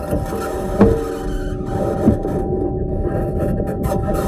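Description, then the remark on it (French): The Perseverance rover driving on Mars, recorded during one of its drives by a microphone meant to capture the rover's own noises, in Mars's thin, mostly CO2 atmosphere: a steady, harsh grinding and scraping rumble with faint whining tones, broken by a couple of sharp clanks, and no voices. “Et je vous propose d'ailleurs d'écouter quelques sons enregistrés lors d'un déplacement.”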